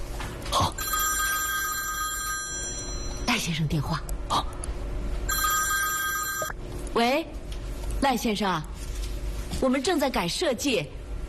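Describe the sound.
A telephone rings in two long bursts of bright, trilling bell tones, with a pause between, while people's voices come and go underneath.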